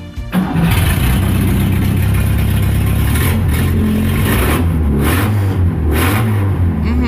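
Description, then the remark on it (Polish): A Fiat 125p engine cranks and catches, then revs loudly and steadily, its deep mid-range rumble rising and falling in several throttle swells with no one talking. “Sprawdziliśmy dokładnie, to był Fiat 125P.”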